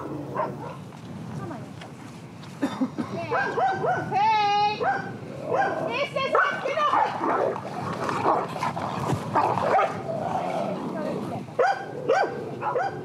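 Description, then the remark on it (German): Two female dogs, a young dog and a somewhat older dog, both quite dominant, snarl, yelp and bark at each other in a noisy scuffle over rank outside on a pasture, with high whining yips and growls overlapping in rapid, irregular bursts. “Ein Junghund, ein etwas älterer Hund, beide recht dominant, zwei Hündinnen.”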